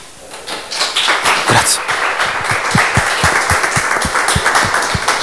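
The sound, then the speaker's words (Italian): A theatre audience breaks into applause after the final silence of a performance, the dense clapping holding steady and loud, with a few sharper, heavier claps standing out in a loose rhythm. “nella speranza che ci sia una tensione, che ci sia una profondità nello spettatore per arrivare poi a quello che è il necessario silenzio finale prima degli applausi, che c'è come sempre in ogni ritualità teatrale.”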